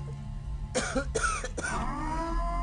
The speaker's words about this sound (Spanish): Usted disculpe, son las secuelas de la tos.